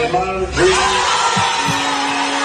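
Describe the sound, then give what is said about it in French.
A crowd in a hall in Brazil roars and cheers in a dense, continuous wash of overlapping voices, with shouts and whoops, honoring the Brazil national team's all-time top scorer and halting Carlo Ancelotti's squad announcement. “La salle explose de joie.”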